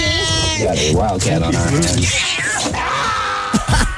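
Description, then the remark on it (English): A cat named Pinky, who was up for adoption, meows loudly: several drawn-out, wavering cries run together over about four seconds, followed by a couple of short sharp noises at the end. “That was Pinky who was up for adoption, by the way.”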